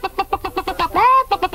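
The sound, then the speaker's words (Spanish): An old hen, being put into a machine, clucks in a quick, steady run of clear clucks, breaks into one drawn-out squawking note, then resumes clucking, with no other sounds around it. “Pongo dentro de este lado una vieja gallina.”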